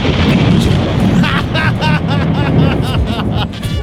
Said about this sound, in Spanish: truenos.